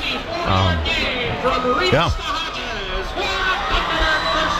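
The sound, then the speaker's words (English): A large crowd of Baraboo fans at a football game cheers and roars after their team's first down, with dense, overlapping voices and whoops, a steady loud wash of excitement with a few individual shouts rising above it. “Now mark at the 41-yard line as the Baraboo crowd goes nuts.”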